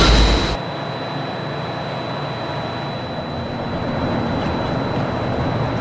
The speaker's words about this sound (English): They will be closing in a moment. The monorail will depart momentarily for the Transportation and Ticket Center. Thank you. Please stand clear of the doors.